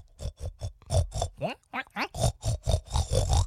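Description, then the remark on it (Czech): A man's voice imitates a pig in a pig-imitation contest on Radio Spin, a quick run of throaty grunts with a few rising squeal-like oinks in the middle, then more rhythmic grunting to the end. “Takže bychom si mohli takovou prasečí soutěž tady udělat.”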